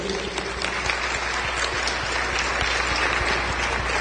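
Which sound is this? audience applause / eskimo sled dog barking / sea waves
audience applause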